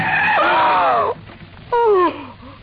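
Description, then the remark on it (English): Car tires skid with a loud, high screech as the brakes are slammed on a rutted track in desert sand, lasting about a second, then a brief pause and a second shorter squeal that slides downward in pitch. “Then just as we cut in between some yucca plants and a wind-blown Joshua tree, I slammed on the brakes.”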